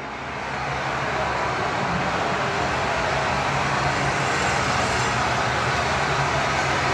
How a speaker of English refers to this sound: the Bombers were practicing to combat the unique crowd noise in Montreal